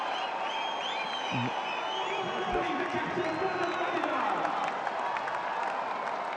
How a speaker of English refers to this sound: Fabulous innings this. Look at the entire dugout. Everyone on the ground will cheer that knock. Fireworks all round up.